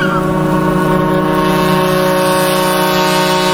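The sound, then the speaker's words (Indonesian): A ship's engine drones steadily and loudly throughout as the ship nears port to dock at a village pier, a constant low hum with tonal overtones, mixed with a rushing wash of wind and water noise and no voices. “Kanda, sebentar lagi kapal kita akan bersandar di dermaga kampung halamannya.”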